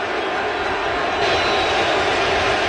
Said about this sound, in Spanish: y el público de pie, señores. Escuchen al público, Esto es en vivo, en directo y a todo color. Escuchen al público, la ovación que le van a dar. Escuchen.